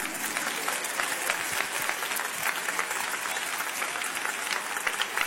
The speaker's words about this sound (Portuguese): Então vamos bater mais palmas para Jesus. Mais forte.